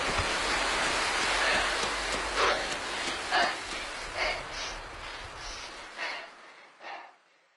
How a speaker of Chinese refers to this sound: 下大雨了，小霞，快跟妈妈跑，赶快躲雨去。